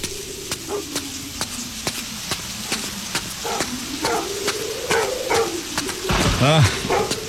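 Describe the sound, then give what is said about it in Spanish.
A dog named Hunter barks and whines at a grave in a short run of yelps, with a louder burst near the end, over a steady pattern of sharp taps and a low background hum. “Ya cállate, deja de ladrar.”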